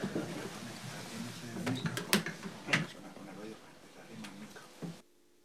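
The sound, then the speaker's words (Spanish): A Roman chair creaks and knocks as it is brought out, dragged and set down, several sharp creaks and clunks bunching mid-way, with muffled voices murmuring underneath before an abrupt cut to silence. “Pues vamos a sacar. Claro. La silla romana.”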